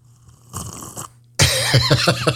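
Someone slurps a drink: a brief airy slurp, a short pause, then a louder, longer gurgling slurp with bubbly pulses and a wavering whistle-like pitch.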